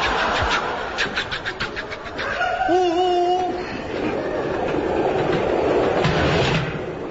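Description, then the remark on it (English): A train rumbles along the rails with a steady roar and rhythmic clatter, while a brief high squealing tone rises over the noise partway through. No one speaks. “You're supposed to be driving this train.”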